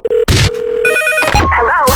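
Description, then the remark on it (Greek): A telephone rings in short bursts of bright, warbling electronic tones, mixed with sharp noisy hits and a steady low hum. There is no talking. “Όταν σου τηλεφωνήσουν και σε ρωτήσουν ποιο ραδιόφωνο ακούς, θυμήσου.”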